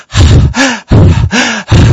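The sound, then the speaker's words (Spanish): A voice imitates the loud, labored wheezing breaths of noisy breathing during a severe allergic reaction: four rasping in-and-out breaths in a steady rhythm, the inhales carrying a whistling, strained tone. “Yo empiezo a escuchar una respiración ruidosa.”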